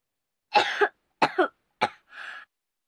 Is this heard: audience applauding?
no